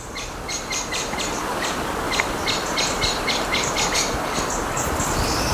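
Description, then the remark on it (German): Birds chirp in quick repeated bursts over a steady outdoor rumble, their bright calls continuing throughout with no talking. “Oh, die Vögel.”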